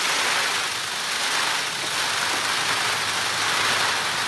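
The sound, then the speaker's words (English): A male Indian peafowl quivers his outstretched tail feathers in a train rattle, a steady, hissing rustle like a soft unbroken drum roll. The bright, papery shimmer holds an even level for several seconds with no voices. “As this male Indian peafowl quivers his outstretched tail, it creates a rustling sound, almost like a drum roll.”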